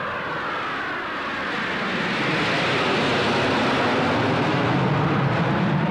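Russian jet planes roar overhead at Ukulut, their broad rumbling whoosh swelling louder over a few seconds and holding steady, with no voices present.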